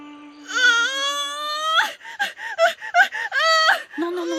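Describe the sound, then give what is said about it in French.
On the island of Cozumel, a woman lets out a long, rising cry of pain, then a series of short strained gasps and sobbing yelps, ending in another pained wail. The vocal tones are high and strongly voiced. “Ne crie pas comme ça, ma jolie, tu stresses tout le monde.”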